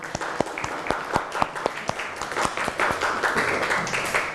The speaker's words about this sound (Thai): เก่งมากค่ะขอเสียงปรบมือให้ตัวเองหน่อยค่ะ